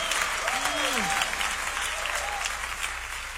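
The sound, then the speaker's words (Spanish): Sustained applause for the Lord from a large group, a dense steady wash of clapping with a few rising and falling vocal whoops or cheers riding on top. “Aleluya, dale más fuerte ese aplauso al Señor, aleluya.”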